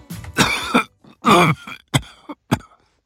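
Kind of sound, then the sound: human body sound, coughing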